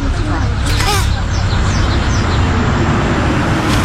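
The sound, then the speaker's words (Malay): A bus drives past on the road, its loud engine drone steady throughout, with traffic noise around it and faint voices and chirps briefly rising early on. “Awas, jangan melintas di belakang kenderaan. Tunggu hingga bas pergi.”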